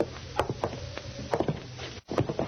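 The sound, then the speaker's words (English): A side door being worked open, with several sharp wooden clunks and rattles at uneven intervals, fairly loud, over a low steady rumble that briefly drops out near the end. “We'll try this side door. If it's locked, we'll shoot the lock off it.”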